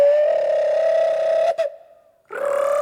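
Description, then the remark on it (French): A small bird's call, heard as a long, steady whistling tone that holds for over a second, drops away briefly, then starts again at the same pitch. It is fairly loud, with no talking. “Il sait même plus faire coucou.”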